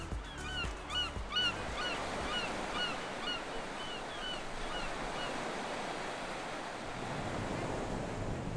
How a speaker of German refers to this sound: Nach so viel grüner Natur zieht es mich ans Meer. Nach Matschana Marina.